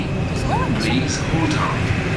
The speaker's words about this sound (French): Alors, on rentre dans le métro, direction, on s'arrête où? À Ouchy. Ah, là, Ouchy, ouais.